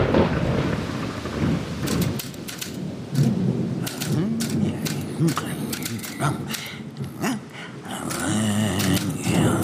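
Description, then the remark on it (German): Steady rain hisses and crackles throughout while low rolling thunder rumbles, a full thunderstorm, fairly loud, with muffled voices occasionally rising beneath it. “Es war eine dunkle und stürmische Nacht.”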